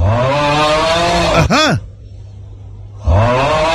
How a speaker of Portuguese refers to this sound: Olha o ônibus aí passando. Vai passar. Vai passar de novo.